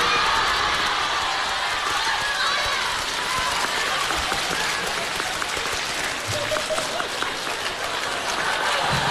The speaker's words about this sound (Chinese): 掌声不断，节目不断。哎，掌声热烈，给个来个大伙儿来个小绝活啥的、啊。